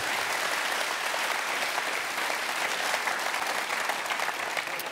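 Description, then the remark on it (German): An audience claps steadily, a dense, even wash of many hands applauding with no pauses for the full stretch, with no voices standing out. “Dankeschön, ein Klatscher, das war sehr aufbauend, super.”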